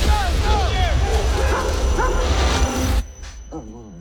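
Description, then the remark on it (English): A dog barks and whimpers repeatedly in high, yelping bursts over a dense, noisy background, then the noise cuts out and a few softer whines follow. “Well, Brad Pitt needs to switch on because the dog gave you a warning.”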